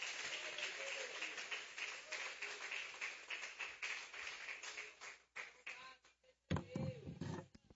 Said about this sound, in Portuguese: Recebe o homem de Deus com as palmas para Cristo, igreja.